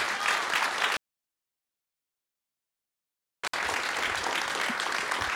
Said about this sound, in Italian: Un grande applauso!